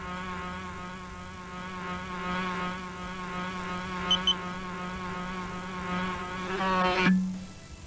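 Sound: fly buzzing around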